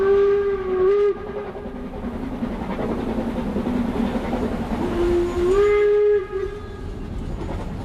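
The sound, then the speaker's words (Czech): A steam train rumbles steadily along, its whistle blowing twice in long, rising harmonic blasts at the start and again near the end, with a continuous rolling clatter underneath; a train journey heading toward Siberia. “Takže František Parolek, poručík, balí svou pojízdnou fotolaboratoř a vydá se spolu s dalšími na cestu vlakem směr Sibiř.”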